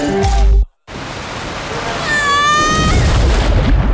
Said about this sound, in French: Vous venez d'entendre le bruit d'une descente en toboggan à Aqualibi.